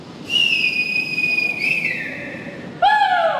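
Rescue workers gathered in front of tunnels blow whistles to draw attention: a long, steady high-pitched whistle blast holds for over two seconds, then a second, lower and louder whistle sounds at the end, with faint background noise and no clear voices.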